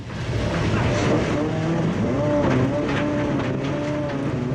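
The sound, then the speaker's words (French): A 5-metre-long rally car's engine roars loudly and steadily at Philippe Vanberg's Domaine de Galicée rally training ground, its pitch rising and falling as it revs, with tires scrubbing and sliding sideways over the surface throughout. “J'ai pas envie de descendre de la voiture, tellement je prends du plaisir.”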